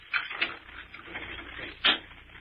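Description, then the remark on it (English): A door at the top of a flight of stairs being unlocked: soft rattling and scraping of a key, with a few sharp mechanical clicks, the strongest clack coming near the end. No one speaks. “I gotta unlock the door.”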